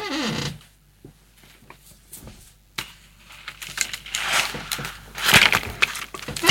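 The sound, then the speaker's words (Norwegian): A chair creaks and rasps in irregular, scratchy bursts, quiet at first and then louder and more continuous toward the end, with no one talking. “Så smart at det en stol som knirker sånn.”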